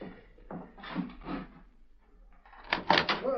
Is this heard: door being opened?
yes